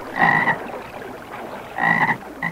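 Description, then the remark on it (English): Frogs croak in two loud, buzzy bursts about a second and a half apart, with a short third call starting at the end, coming from a backyard, with no talking. “All right, Tony. Turn off your frogs.”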